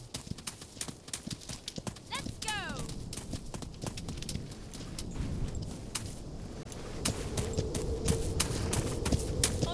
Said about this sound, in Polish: Koń idzie za nami.